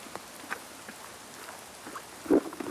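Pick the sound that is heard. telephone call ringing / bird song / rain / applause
rain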